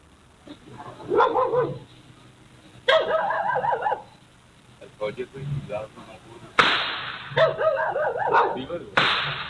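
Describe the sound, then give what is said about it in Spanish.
Four sharp, sudden gunshots break in at intervals, heard about 100 to 200 metres from a cemetery, a few standing out loudly, while people talk and call out over them throughout. “Ahí están los cuatro disparos.”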